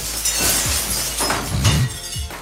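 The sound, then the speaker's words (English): Window glass in a studio shatters in a loud, sustained crash lasting about two seconds, with bright, hissing, tinkling fragments and a few dull low thuds scattered through it. No one speaks. “So we're going to be putting in for reimbursements for some new windows around here.”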